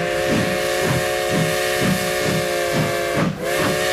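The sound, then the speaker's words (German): A steam locomotive whistle sounds continuously over a steady hiss of steam, with a rhythmic low chuffing pulsing beneath it about twice a second, loud, with no voices. “Ja, er dampft wieder, unser Modellbahn-Express Tag 2, heute beim Tag der offenen Tür in Göppingen bei der Firma Märklin.”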